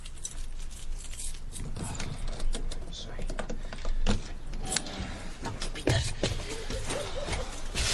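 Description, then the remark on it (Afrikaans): Keys jingle and scrape in the lock of a caravan door, a steady run of small metallic clicks and rattles as someone unlocks the locked door, with muffled voices faintly in the background. “Vir wat is die caravan se deur gesluit? Gevry op jy die pa. Hou aan, ek het my sleutels hier.”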